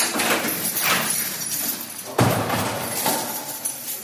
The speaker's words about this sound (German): Tag für Tag öffnen und schließen Seelsorgende in Nordrhein-Westfalens Justizvollzugsanstalten viele Türen.